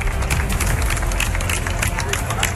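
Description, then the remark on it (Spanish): A protest crowd of about 23,000 demonstrators in Córdoba applauding: dense, steady clapping from many hands, loud and sustained throughout, with a low murmur of voices underneath. “No solo con lemas de apoyo, como pueden escuchar, también con gritos de dimisión, con insultos en algún caso y con aplausos, como los de Córdoba, donde se manifestaron 23.000 cordobeses.”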